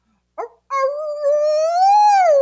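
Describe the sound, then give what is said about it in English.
A hound dog, left in the room next door while its owners are out, gives a short whimpering yelp, then a long, loud, mournful howl that slowly rises in pitch and holds steady, heard through thin walls late at night, with no talking. “And in the room next to us, the people are traveling with their dog, but they're out somewhere. And so until about 2:30 in the morning, this is what we heard through the paper thin walls.”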